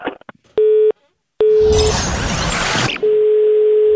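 A steady electronic telephone busy tone sounds in short on-off bursts after a call to a bar is hung up, then continues as a long drone, briefly washed over by a loud burst of crackling noise in the middle.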